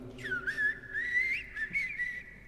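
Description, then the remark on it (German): A common blackbird, the first to wake, sings at dawn well before sunrise, a continuous fluty, warbling melody of rising and falling whistled phrases with brief brighter flourishes, heard alone. “Und dann erwacht die erste Amsel.”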